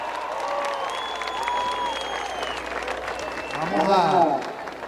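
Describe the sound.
Loud, dense applause fills the whole stretch, steady clapping mixed with whistles and cheering voices from a crowd, swelling a little stronger toward the end.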